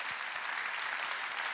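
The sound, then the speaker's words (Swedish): Steady, dense applause from an audience at a conference fills the whole moment, many hands clapping at once in a bright, even roar with no one speaking over it. “Det är värt en applåd.”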